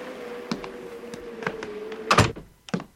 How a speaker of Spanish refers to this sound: Así puedo cerrar la puerta. Hay un viento terrible y hace mucho frío afuera.